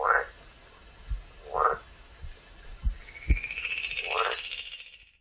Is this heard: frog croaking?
yes